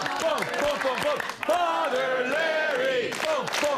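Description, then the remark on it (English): A crowd, being cranked up by a man, cheers and shouts, many voices overlapping in loud, rising and falling calls that sound like rowdy chanting, steady throughout with a brief dip midway. “There's some dude out there cranking up the crowd, and I can't control them.”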